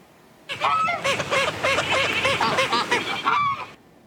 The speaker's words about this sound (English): That is Buddy the waterfowl having a quacking good time with a whole flock of feathered friends. The Cayuga duck showed up at a man-made lake in southeast Edmonton about 3 months ago.